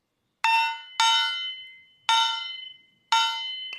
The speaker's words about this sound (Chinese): 这件乐器呢叫做小轿，有一个锣跟木鱼还有一个锤子组成的，那我们可以一起来听一下它会发出什么样的声音。